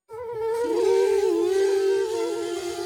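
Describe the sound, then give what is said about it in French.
A mosquito buzzes loudly right by someone's ear in a bedroom, a continuous high whine lasting a few seconds, its pitch wavering slightly as it hovers. No one speaks. “Toudou veut chasser le moustique de sa chambre.”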